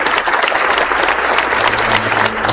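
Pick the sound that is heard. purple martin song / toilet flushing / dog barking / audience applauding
audience applauding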